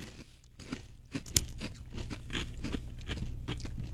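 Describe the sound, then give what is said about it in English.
Someone chews a crunchy, bright orange, slightly spicy snack that looks like tiny hot dogs or noodles, producing a string of irregular, crackly crunches with one sharper, louder bite early on, over a steady low background hum and no talking. “They look like the tiny hot dogs. Yeah, they may be spicy. I don't know. They're like noodles. So try those.”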